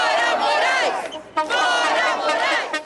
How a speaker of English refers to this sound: At the rally, they chant, "Get out, Moraes." Signs and stickers are everywhere in the crowd calling for his impeachment.